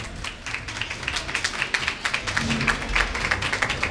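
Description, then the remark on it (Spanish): A crowd applauding at a polling station, with dense, overlapping claps that keep a steady, busy patter at moderate loudness throughout the few seconds, and no clear speech over it. “Están aplaudiendo en ese colegio electoral. Y este es el sonido que tiene.”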